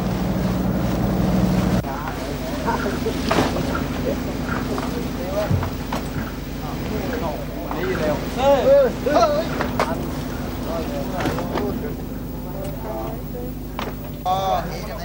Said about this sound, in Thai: ที่ท่าขึ้นปลาข้างเขาม่องไร่ในเดือนมีนาคมปีนี้มีเรือประมงเข้ามาลอยลำขึ้นปลาอย่างคึกคัก